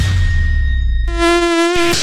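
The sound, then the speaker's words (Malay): An Aedes mosquito's thin, high whine buzzes loud for about a second, a steady rich harmonic drone that follows a low rumble with faint tonal hum and ends abruptly. “Polepah nyamuk lah. Loh, nyamuk Aedes ni.”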